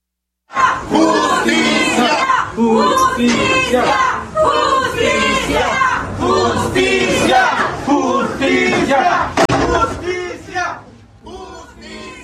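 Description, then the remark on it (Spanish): Family, colleagues and friends chant demands for justice in unison at a farewell tribute to murdered Oaxacan journalist Alejandro Leiva, held at the headquarters of the Asociación de Periodistas de Oaxaca: loud, rhythmic shouted phrases repeating with brief pauses between bursts, many voices together, fading slightly at the end. “Entre aplausos y demandas de justicia, familiares, colegas y amigos despidieron al periodista oaxaqueño Alejandro Leiva con un homenaje de cuerpo presente en la sede de la Asociación de Periodistas de Oaxaca.”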